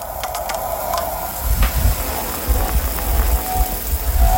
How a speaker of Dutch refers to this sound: Even een lekkere douche op de zondagmorgen.